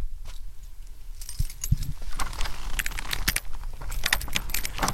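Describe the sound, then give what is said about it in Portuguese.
Keys jingle and clink in bursts of bright metallic rattling, followed by clunks of the door of a plant nursery being unlocked and opened, over a steady low rumble of background noise. “Vamos agora abrir aqui então a porta do viveiro.”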